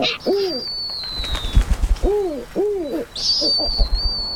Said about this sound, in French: Il résonne fort au-dessus de ma tête. Je reconnais ce cri. C'est un ululement, celui d'un oiseau, le hibou. Ah, j'espère que c'est le harfang des neiges.